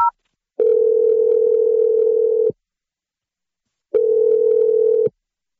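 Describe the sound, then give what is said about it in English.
A short dialing beep as a morning radio show host dials a phone number, then the steady purr of the phone ringing on the line: two long, even ring tones separated by a pause of silence, clear, with no talking. “I'm going to dial his number right now.”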